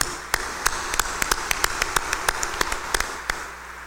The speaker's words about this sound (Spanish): démosle un fuerte aplauso de bienvenida y felicitación.